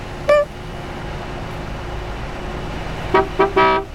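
Street traffic rumbles steadily at a traffic light that is about to turn green while a car horn honks once, then sounds three quick blasts in a row near the end, loud.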